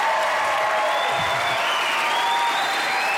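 An audience claps steadily, a dense, sustained wash of applause with no voices on top, holding at an even loudness for the whole few seconds.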